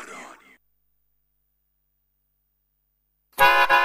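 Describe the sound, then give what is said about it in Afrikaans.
After a brief faint voice and a long stretch of silence, a loud vehicle horn blares with a steady, brassy honk that runs to the end. “Ja, ek het 'n toeterskoeter en ek sleep al met 'n V6 Raptor.”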